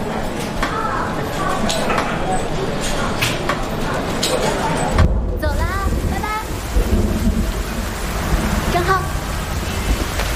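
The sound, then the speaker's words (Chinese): Sudden steady, heavy rain hisses throughout while thunder rolls low and deep, swelling into a louder rumble partway through; faint voices can be made out beneath the downpour. “啊，先等等吧，这突然下雨了。”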